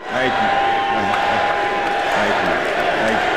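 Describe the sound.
A large crowd at Larry Fitzgerald's Pro Football Hall of Fame induction ceremony in Canton, Ohio chants and cheers in a steady, loud roar, with rhythmic voiced chanting rising and falling over dense continuous crowd noise and a sustained whistle-like tone.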